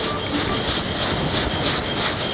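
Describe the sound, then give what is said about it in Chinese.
Small cubes of dough rattle and tumble with flour inside a shaken basin to round them off, making the dish called pen li peng or yao gaga, a steady, dense clatter that rolls on without pause for a couple of seconds, with no voices. “为了让它更加的圆滑一点，它晃的时候，它就是你看， 这人终于到了， 这就是嘎嘎声了，是吗？”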